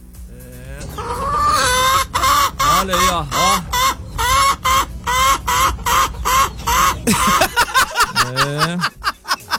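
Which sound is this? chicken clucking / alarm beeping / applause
chicken clucking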